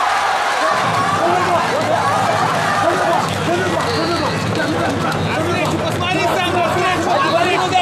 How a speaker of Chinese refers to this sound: 就大多数人是欢呼， 对 啊，这个是又放心又欢呼啊，狂喜。